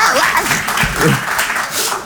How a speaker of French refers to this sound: Non, mais... Non, oh, applaudissez pas.